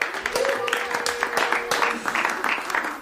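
Steady applause from a group, dense overlapping claps filling about three seconds at moderate volume, with a thin sustained tone and some voices mixed in early on.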